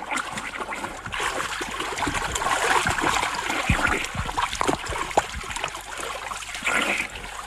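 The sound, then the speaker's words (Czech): Continuous splashing and sloshing of water as a person swims through a river toward a man fishing from a boat, with irregular strokes and bursts of spray and no voices. “Už k vám plavu.”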